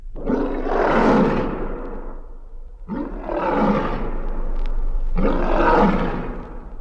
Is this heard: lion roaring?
yes